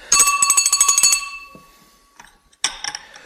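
A telephone at home rings loudly in a fast, rattling burst with a bright metallic ring, lasting just over a second, then falls quiet before a second ring begins.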